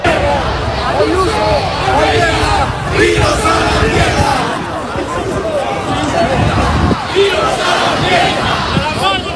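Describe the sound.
A large protest crowd in Madrid shouts and chants continuously against the regional government of the Comunidad de Madrid, many voices blending into a loud, dense roar with rising bursts of yelling throughout.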